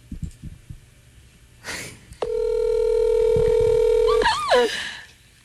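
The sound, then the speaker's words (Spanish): A telephone ringback tone sounds on an outgoing call: one loud, steady electronic buzz lasting about two seconds, preceded by a soft breath-like rustle and followed by a brief warbling blip. “Está sonando.”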